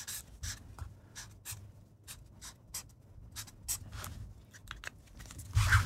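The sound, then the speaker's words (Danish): A pen scratches across a paper notepad, writing a grade of 7 with an arrow pointing upward, in a series of quick strokes with short pauses between them, ending in a louder scrape, with no one talking. “Hvis jeg giver dig en blok og en... Per, du skriver en karakter.”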